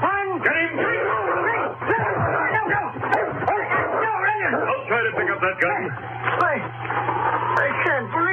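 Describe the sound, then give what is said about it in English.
A dog barks and yips at a man repeatedly in quick, excited bursts, tangled with voices talking over it, all on top of a steady low hum. “Oh, so that's what you're barking at, a man.”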